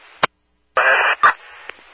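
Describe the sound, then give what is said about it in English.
Short bursts of radio static: a sharp click, a brief silence, then a loud crackling hiss for about half a second, another burst, and a low lingering buzz with a faint pop. “Yep, static, confirm, go ahead.”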